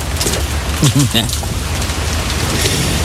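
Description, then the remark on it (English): Steady rain pours down in a dense, continuous hiss with low rumbling underneath, and a brief murmur of a voice surfaces midway through the downpour. “Rainy day.”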